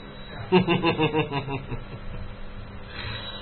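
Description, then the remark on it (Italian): A telephone rings with a quick burst of repeated electronic tones lasting about a second, clear, then fades into a quiet hum with no talking. “Dove minchia è il telefono?”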